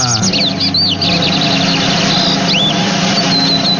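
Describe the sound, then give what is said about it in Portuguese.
A lined seedeater (bigodinho) sings a rapid, high-pitched run of chirps, sweeping whistles and trills, fairly loud and continuous over a steady low background hum. “É o bigodinho, passarinho de hoje.”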